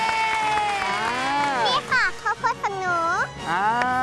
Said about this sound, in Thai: ปรบมือแล้ว